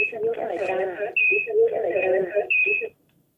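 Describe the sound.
A radio plays over a phone line, sounding thin and narrow, with a broadcast voice continuing steadily for about three seconds before cutting off into silence.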